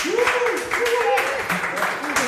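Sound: audience applauding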